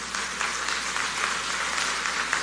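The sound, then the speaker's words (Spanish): Steady audience applause for the institution A Global Effect, which is helping UCATESI students, a dense wash of many hands clapping at an even, moderate loudness throughout, with no voices rising above it. “A Global Effect, un aplauso para ellos.”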